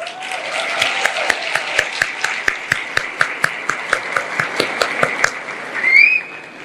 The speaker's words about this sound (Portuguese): Podem aplaudi-la.